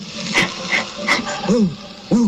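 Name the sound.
dog whimpering and barking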